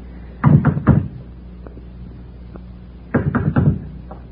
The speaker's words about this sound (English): What do we just get to the door or what? What else? Go ahead, knock.